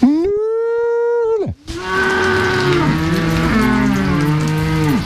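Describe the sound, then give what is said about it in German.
A farmer on an alpine pasture (Alm) gives a long, steady, low mooing call imitating how a cow and calf call each other, to call the cows to come to him, followed by several overlapping, wavering moos over a rustling, noisy background. “wenn sich eine Kuh und ein Kalb zusammenrufen, klingt das ähnlich. Und wenn ich das rufe, dann gehen sie halt”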